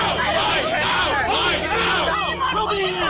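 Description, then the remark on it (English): An upset crowd of protesters shouts and yells over one another as ICE searches a house, a loud, dense wall of overlapping voices that stays constant throughout with no pauses. “As ICE searches the house, the crowd grows more upset.”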